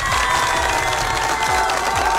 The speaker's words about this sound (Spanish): Y por eso le deseamos un feliz cumpleaños. Fuerte los aplausos para este cumpleañero el día de hoy.